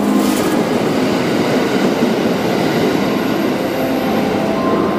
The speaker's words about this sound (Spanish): Thunderbird es el nombre del tren Limited Express más moderno que circulaba entre Kanazawa y Osaka